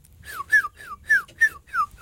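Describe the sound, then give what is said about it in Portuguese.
In a bird-sound imitation game, a person imitates a bird call with six quick whistled chirps in a steady rhythm, each one sliding downward in pitch. The chirps are fairly loud and there's no talking. “Estávamos aqui a divertir-nos a imitar o nosso melhor som de pássaro.”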